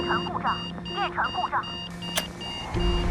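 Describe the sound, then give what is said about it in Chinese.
A ship's fault warning alarm sounds as a steady, continuous electronic tone with high, buzzing overtones, during a J-15 aircraft's landing approach to the ship. It holds throughout while voices talk over it. “舰船故障， 摇摆，舰船故障， 检查操作故障信号，立刻排空。”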